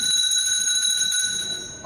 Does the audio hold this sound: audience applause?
no